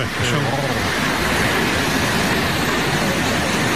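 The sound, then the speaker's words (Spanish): A tall, horse-tail-shaped waterfall with a 222-metre drop into a stone cirque, in a natural park on the border between Álava and Burgos near the Orduña pass, roars steadily and loudly, a dense, unbroken wash of rushing water that fills the whole clip without pause. “Pero claro, si ves caer esa cola de caballo, esa cola de agua, pues más todavía.”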